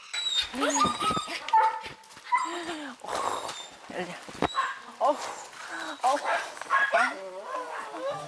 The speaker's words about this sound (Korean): 얼마 전 밭에서 구조한 후 새 식구로 맞이했다는 엘리. 아 그런데 무슨 일인지 좀처럼 짖음이 멈추질 않습니다.